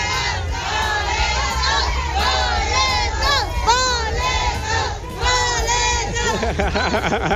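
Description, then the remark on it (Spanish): A large crowd at a ticket giveaway by radio station FM 92.5 for the All-Star Game shouts and yells excitedly all at once, many voices rising and falling in loud overlapping cries that continue without pause throughout, energetic. “Hoy andan bien gritones, pero bueno, es lo chido, es la entrega de boletos de la mejor FM 92.5 para ese Juego de las Estrellas.”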